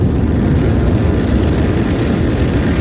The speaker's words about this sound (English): We're hearing good confirmation from Mission Control that everything onboard the engine looks good. So right now the rocket is pitching downrange, and all 9 Merlin engines are continuing to perform well.